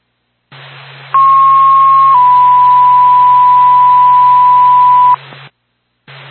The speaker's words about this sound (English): Lancaster Fire Department, standby for tone.